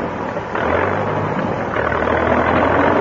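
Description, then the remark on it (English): A tractor engine kicks into life after a brief low rumble, then settles into a loud, steady chugging roar that continues without speech. “I'll seat myself in the center of the elastic thus and start the tractor, Professor.”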